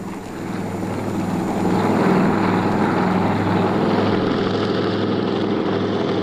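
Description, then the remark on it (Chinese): A steady, heavy droning of the engines and rotors of a squadron of helicopters grows louder over the first two seconds, then holds as a dense roar, with no voices. “直升飞机中队，直升飞机中队，我是警长，你们立即赶来助战。”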